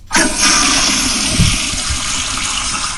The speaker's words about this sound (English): This one's going to require a double flush, even though it's the power flusher, I think.